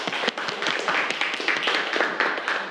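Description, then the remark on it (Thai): A group of students clapping for a classmate, a dense run of overlapping hand claps with no steady rhythm, fairly loud and continuous, with no talking. “ปรบมือให้เพื่อนเลยครับนักเรียนนะครับ”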